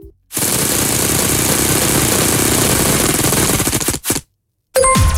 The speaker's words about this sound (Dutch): Zeg, dat spelletje met die letter, dat rad dat we aan moeten draaien, hebben we ook nog niet gedaan. Dus dit lijkt me het ideale moment. Ga er eens een spin aan geven aan dat grote rad, dat grote letterrad.